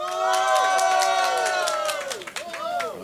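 A festival crowd at Švestka Fest, in a village between Most and Litoměřice in the Czech Republic, applauds and cheers loudly in the afternoon, a dense wash of clapping with shouts and whoops rising over it, sustained for a few seconds.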